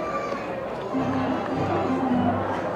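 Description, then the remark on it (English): A steady murmur of a large baseball stadium crowd, including Binghamton University students, fills the space during a game, a constant wash of voices and chatter with no single sound standing out. “But great crowd on tap.”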